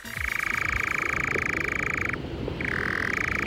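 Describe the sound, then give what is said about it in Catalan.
A European nightjar (called enganyapastors in Catalan) churrs in a long, steady mechanical trill, breaks off briefly, then resumes at a slightly shifted pitch, clear over a low background hum. It is heard at dusk and in the first hours of the night in Catalonia. “És un ocell, és un ocell que es diu enganyapastors.”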